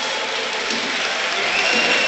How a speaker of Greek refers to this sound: Και το χειροκρότημα που ακούτε είναι για τον Ρόμαν Γιάρεμτσουκ που παίρνει τελευταίες οδηγίες από τον Χωσέ Λουίς Μεντιλίμπαρ.